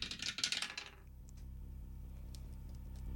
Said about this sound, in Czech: Házíme hrací kostkou. Jdu na to.